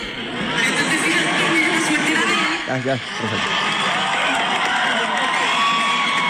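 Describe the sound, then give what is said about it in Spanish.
A loud crowd shouts and cheers continuously in a video being played, many overlapping voices forming a dense roar that dips only briefly midway before surging back. “Gritería, una gritería.”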